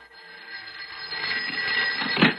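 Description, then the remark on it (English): A telephone bell rings on a Saturday night in one continuous, shrill metallic trill, growing steadily louder over a couple of seconds with no one talking. “Well, now, who would be calling at this time on a Saturday night?”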